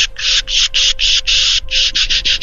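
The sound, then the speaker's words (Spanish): Magpies chatter in a rapid run of harsh, rasping, hissing calls, the kind they make when cats are active in the morning, about ten bursts in quick succession, loud and noisy with a dry scratchy quality, no voices present. “O simplemente las urracas, que me marcan cuando están los gatos activos por la mañana, porque las urracas están siseando ellas.”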